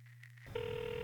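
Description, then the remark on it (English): A low electronic hum gives way to a steady, buzzing telephone ring tone heard through a phone line, moderately loud and continuous, with no voices. “This ain't my fucking phone. Oh, come on, pick up, dogs.”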